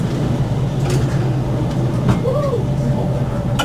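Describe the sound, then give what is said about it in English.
Steady low rumble inside a moving passenger train carriage on the 16:55 Middle Main Line service, with constant wheel and engine drone, faint rattles, and a brief whining tone rising and falling midway; no one speaks. “your train manager for this, the now officially the 1655 out of the list”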